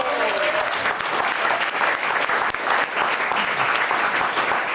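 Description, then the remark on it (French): A crowd applauds a chef steadily, a dense wash of many hands clapping at once, loud and sustained from start to finish without pause. “On peut l'applaudir, s'il vous plaît.”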